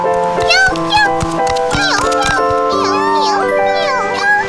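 A sea otter mother calls in a series of loud, high-pitched squeals that bend up and down in pitch, heard over a steady background of sustained tones.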